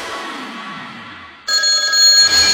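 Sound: landline telephone bell ringing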